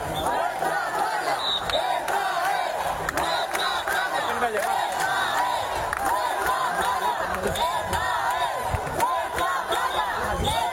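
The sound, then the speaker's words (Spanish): A large crowd of citizens in Ceuta shouts the protest chant "Ceuta se defiende" in unison, many raised voices blending into a loud, continuous roar with rhythmic surges that carry on without pause for the whole stretch. “Ciudadanos que se unían al grito de Ceuta se defiende y que al final irrumpieron en la playa para acabar con las chozas de estos migrantes ilegales a eso de la medianoche.”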